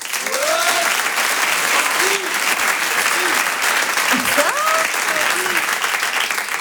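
A crowd at the Rire et Chanson Comedy Club applauds a comedian steadily, a dense, loud wash of clapping that holds even throughout, with a few cheers and whoops rising over it.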